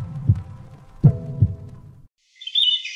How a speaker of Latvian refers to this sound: Dzirdi savu sirdi!